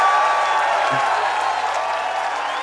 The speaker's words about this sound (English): Oh, big look, I'm going to give him a bit of round of applause.